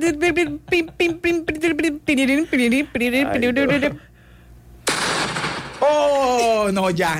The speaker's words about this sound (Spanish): Ya, con explosión y todo.